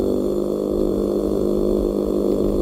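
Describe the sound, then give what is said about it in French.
A deep, steady growling drone from a meagre fish in the Bay of Biscay, loud and continuous with a rough pulsing texture like an idling boat engine, low-pitched and unbroken throughout. “Le maigre, dans le golfe de Gascogne, produit, lui, un grondement si puissant qu'on dirait un moteur de bateau.”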